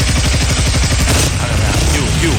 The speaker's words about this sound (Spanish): No, mire que la moto ya me prende, ya la organicé, vea.